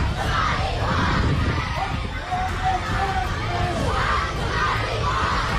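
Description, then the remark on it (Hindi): A large crowd of protesters in the streets of PoK (Pakistan-occupied Kashmir) shouts and yells together against the Pakistani government of Shehbaz in a dense, continuous roar, with voices rising in waves and a few sustained calls standing out over the steady hubbub. “शहबाज सरकार के होश उड़ाने के लिए भीड़ पीओके की सड़कों पर उतरी है।”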